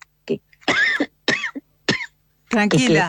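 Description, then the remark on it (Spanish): A loud fit of allergic coughing: four or five harsh, irregular coughs separated by short pauses, ending in a longer, raspy, voiced cough. “Tranquila, tengo una tos alérgica que me agarra por ahí.”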